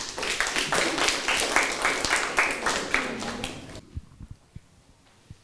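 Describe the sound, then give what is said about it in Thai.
Classmates in a classroom applaud as the third group of students comes up to present: a burst of dense group clapping from many hands, steady and fairly loud for almost four seconds, then stopping abruptly and leaving a few scattered single claps trailing off. “เดี๋ยวคุณครูจะขอเชิญกลุ่มถัดไปออกมานำเสนอให้กับเพื่อนๆห้องปลายทางได้รับชมไปพร้อมๆกันนะคะถ้าพร้อมแล้วขอเสียงปรบมือให้กลุ่มที่3ค่ะ”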